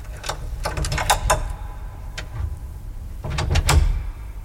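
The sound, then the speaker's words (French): Metallic clicks and scraping of a lock being picked with a hook of twisted wire, then a small door unlatching and swinging open with a light creak onto a long blue-tiled corridor, moderately loud, with no voices. “Et maintenant, avec un peu de sueur sur les tempes et un peu de honte au cœur, je sors de ma poche le même crochet et le glisse dans la serrure de la première petite porte.”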